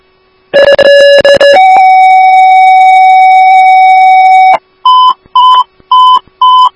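Loud electronic fire dispatch paging tones for Station 1 and Oakdale Engine 1, toning out a CPR full arrest call: a short first tone, then a long sustained lower tone lasting about three seconds, followed by four rapid, evenly spaced beeps. No voices are heard.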